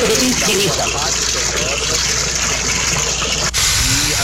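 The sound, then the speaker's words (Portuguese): Water distributed by Saneouro in Amarantina, Ouro Preto, gushes steadily from a tap, a loud, continuous splashing rush lasting the whole few seconds, with faint murmuring voices in the background. “Essa é a água distribuída em Amarantina.”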